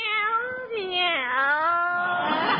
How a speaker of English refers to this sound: Meow, meow. Look at Minerva. She looks like the cat that swallowed the canary.